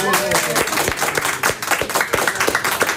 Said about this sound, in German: Von daher, ihr könnt aber was machen, damit man mir glaubt, dass hier was los ist. Ihr könnt mal applaudieren.